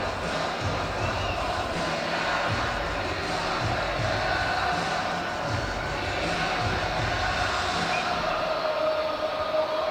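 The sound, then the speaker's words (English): A large stadium crowd at a Real Salt Lake vs New York City FC soccer match roars steadily as the teams come back out, lights off and fans holding phones in the air, many voices blending into a loud, continuous wash of singing and cheering without a break. “The fans have their phones in the air and they're singing.”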